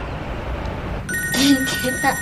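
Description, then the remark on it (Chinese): A phone's ringing tone starts about halfway through as a call is placed to a child's father, a steady electronic tone following a stretch of noisy room sound, with faint voices and clatter underneath. “他肯定想你了，给他打一个。”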